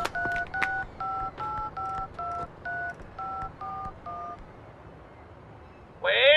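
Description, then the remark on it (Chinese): A quick, evenly paced run of about eleven telephone keypad dialing beeps, each a short clear double tone, as someone phones the only gold jewelry shop in Nanbei town, followed by a brief pause and then a different, brighter tone starting at the very end. “哎哎，我有我有，南北镇呢就一家金器店，我马上打电话去问啊。”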